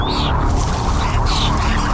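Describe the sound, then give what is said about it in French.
Two short bird calls ring out, one at the start and another a second later, rising above a loud, steady rumble of background noise. “J'ai fait un rêve dans lequel je me souviens qu'il y a des oiseaux.”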